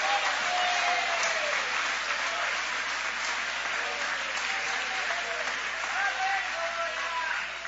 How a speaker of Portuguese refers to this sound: Pode aplaudir, querem adorar, pode adorar.